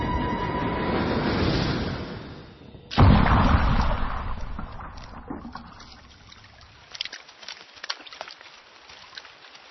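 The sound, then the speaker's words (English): Rain falling in a forest: a steady rushing wash of noise, broken by a sudden loud burst, then fading into scattered, irregular patters and drips. “Rain is about to intervene.”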